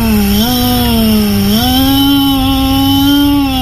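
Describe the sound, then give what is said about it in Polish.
A person imitates a petrol lawnmower engine as an entry in a morning radio contest to win Energylandia tickets, with a loud, continuous buzzing drone, its pitch stepping up twice as if revving, running steadily throughout with no talking. “Można być też spalinową kosiarką”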